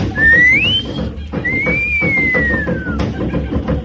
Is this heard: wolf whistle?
yes